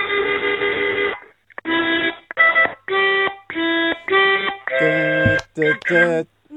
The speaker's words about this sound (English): Okay, the Aussie National Anthem. Sounds like a traffic jam.